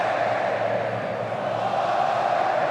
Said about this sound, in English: The noise is that of the Morocco fans. They are cheering on at the minute.